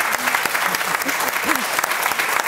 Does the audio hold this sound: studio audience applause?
yes